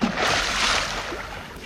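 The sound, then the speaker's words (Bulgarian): A heavy splash as a father leopard falls into a swamp, followed by a steady, broad churning and sloshing that carries on for over a second without fading much. No voices. “След упражненията по скачане, бащата леопард падна в блатото.”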